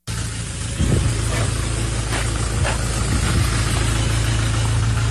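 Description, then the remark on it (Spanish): The engine of a car being stolen runs steadily, a low continuous rumble with a constant hum and faint rattling vibration, holding an even level throughout with no voices. “Están los manes que me están robando el carro.”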